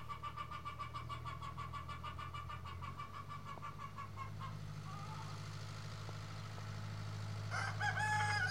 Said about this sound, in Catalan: Al costat de les aules, els alumnes també estudien i fan pràctiques amb tractors. Ara estem veient com treuen un tractor